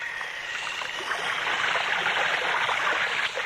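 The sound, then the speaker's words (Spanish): Steady rushing, churning water as a wooden box falls into the sea and sinks, with a slight swell in loudness partway through. It stays continuous, with no voices. “Mi casa entera desapareció bajo el agua, pero a los pocos momentos sentí su movimiento ascensional y luego me di cuenta que flotaba a merced de las olas.”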